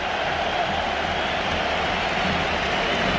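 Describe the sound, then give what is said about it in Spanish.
A huge football stadium crowd roars and applauds as substitute Rodri enters the pitch, a steady, dense wash of noise that holds at the same loud level throughout, with no single voice standing out. “Ovación tremenda, ¿eh?”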